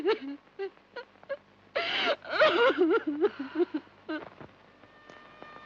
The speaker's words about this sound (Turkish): Ağlama, üzme kendini. Nasıl ağlamam anne? Onu çok seviyorum.